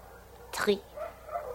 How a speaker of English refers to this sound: Those dogs down there, are they that loud every night, Countess? It is the moon.